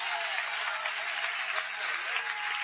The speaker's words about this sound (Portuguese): Levanta as tuas mãos aos céus, vamos receber a nossa irmã Rose Oliveira com palmas para Jesus.